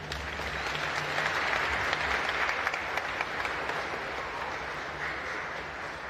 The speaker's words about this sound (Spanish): Que Dios los bendiga, les damos un aplauso.